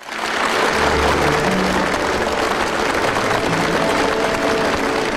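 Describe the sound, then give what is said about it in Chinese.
Sustained, enthusiastic applause from a large audience at the opening ceremony of the 2026 World Artificial Intelligence Conference as Xi Jinping begins his keynote speech, a dense wash of many hands clapping at a steady, loud level for several seconds with no voices standing out. “在热烈的掌声中，习近平发表题为“携手构建公正合理的全球人工智能治理体系”的主旨讲话。”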